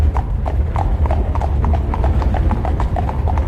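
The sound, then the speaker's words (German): A horse-drawn carriage rolls over a drawbridge into the courtyard of an old castle, with a steady, rapid clip-clop of hooves over a continuous low rumble of wheels, with no one speaking. “Der Wagen rollte über eine Zugbrücke und hielt im grasüberwucherten Hof eines alten Schlosses, das von runden Türmen mit schwarzen Zinnen flankiert war.”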